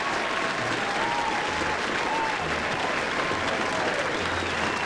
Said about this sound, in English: Thank you so much for the applause.